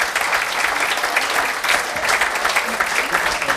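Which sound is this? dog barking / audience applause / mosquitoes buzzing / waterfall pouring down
audience applause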